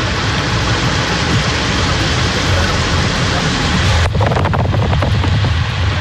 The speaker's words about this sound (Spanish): Ya está la ruta G16, ahí en la zona de Pudahuel, a las afueras de Santiago. Muchísima agua en ese estero, cerca del camino de los Echeverres. Mucha, mucha agua.